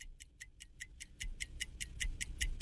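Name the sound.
game timer clock ticking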